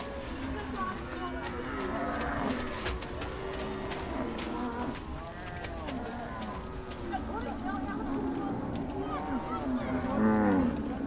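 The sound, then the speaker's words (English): A herd of cattle low and moo over one another in a continuous busy chorus in a Dinka nomad cattle camp in South Sudan, with one louder moo near the end, over a steady outdoor background with faint voices. “It drives away the flies and other undesirable insects that are attracted by the cattle.”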